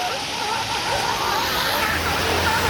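A seal colony, including mothers with pups, calls to one another by the sea: wavering, mid-pitched wails and moans rise and fall over a loud, constant wash of surf and water.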